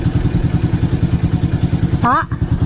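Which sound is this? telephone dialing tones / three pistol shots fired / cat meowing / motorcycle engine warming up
motorcycle engine warming up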